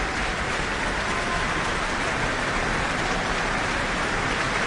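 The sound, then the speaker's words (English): A large audience applauds steadily after a performance of Puccini's Madame Butterfly by the Auckland Philharmonia and the Freemasons Foundation New Zealand Opera Chorus, as the chorus comes on stage to receive applause. Dense, continuous clapping blends into an even roar and holds at the same level, with no voices heard. “The New Zealand Opera Chorus are now coming on to the back of the stage to receive their applause.”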